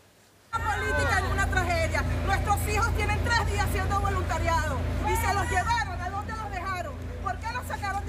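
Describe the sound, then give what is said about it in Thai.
A dense crowd of many voices shouting angrily and calling out over one another, loud and sustained, with a steady low rumble underneath and no single voice standing out. This happens during Venezuelan acting president Delcy Rodríguez's visit to inspect earthquake damage at a building in Caracas. “เสียงตะโกนด้วยอารมณ์โกรธของฝูงชนที่แสดงออกชัดเจนว่าไม่พอใจเนี่ยเกิดขึ้นระหว่างที่เดลซี่โรดริเกสประธานาธิบดีรักษาการของเวเนซุเอลาเดินทางไปลงพื้นที่ตรวจสอบความเสียหายจากแผ่นดินไหวที่อาคารแห่งหนึ่งในกรุงการากัสนะคะ”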